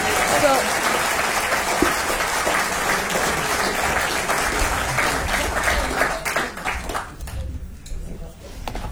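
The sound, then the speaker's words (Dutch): Loud, dense audience applause with many hands clapping in a steady wash for several seconds, thinning and tapering near the end as it winds down. “Groot applaus, alsjeblieft.”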